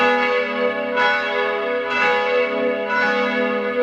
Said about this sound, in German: Das hier sind die Mittagsglocken von heute. Die kommen aus Salzburg, aber woher denn genau? Hören Sie mal rein.